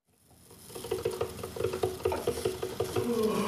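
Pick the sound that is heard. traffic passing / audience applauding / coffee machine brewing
coffee machine brewing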